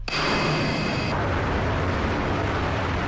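Loud, steady roar of military jet engines as several warplanes of a Southern Theater Command Air Force aviation unit in China, loaded with live ammunition, take off in turn from an airfield for ground-attack training. A high-pitched turbine whine rides on top for about the first second, then fades into a continuous rumbling blast. No voices.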